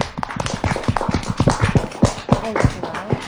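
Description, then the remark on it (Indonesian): Children from TPA Al-Ikhlas Nopi clap their hands in the Pro 1 RRI Toli-Toli radio studio, a quick, uneven burst of applause, many sharp slaps overlapping at a fairly steady, moderate loudness for a few seconds with no voices over it. “Oke, kita kasih tepuk tangan.”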